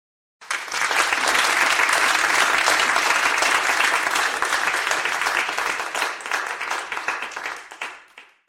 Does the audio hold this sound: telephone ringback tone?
no